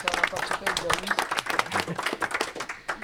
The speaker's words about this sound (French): Voilà, bravo, on peut vous applaudir.